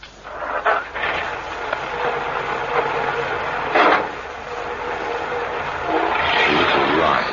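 car engine running

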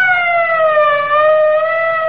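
police car siren

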